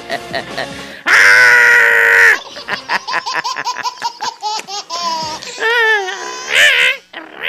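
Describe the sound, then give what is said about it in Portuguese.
A man lets out a long, piercing screech followed by a run of choppy, high-pitched squawks and cries, a loud vocal imitation of a wounded macaw. “Uma arara baleada!”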